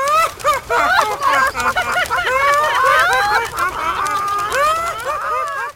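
A crowded chorus of chickens clucking and squawking, many overlapping calls rising and falling continuously, loud, with no pauses for the whole stretch.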